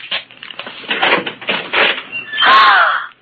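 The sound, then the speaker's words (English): A closet door being opened: a few rattles and scrapes, then a drawn-out creaking squeal as it swings open near the end. No voices. “Open that closet door.”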